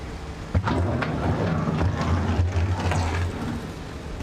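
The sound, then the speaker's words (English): Storm force 10 wind buffets the microphone with a steady low rumble at the port of Emden on the North Sea, joined by the deep drone of a freighter's engine as it is guided to its berth, and faint harbor clatter, no voices present. “And the winds have reached storm force 10.”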